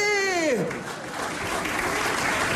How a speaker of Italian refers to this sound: un piccolo applauso per Romano Prodi, no, no!